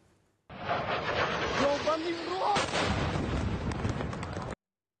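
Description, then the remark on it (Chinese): A loud explosion as a Ukrainian drone dives on the Russian city of Cheboksary: a whining engine pitch slides and rises through a roaring wash of noise, then a heavy blast booms and rumbles on, with voices faintly audible underneath. “俄罗斯网友拍摄到乌克兰无人机向切博克萨雷市急速俯冲，引发猛烈爆炸。”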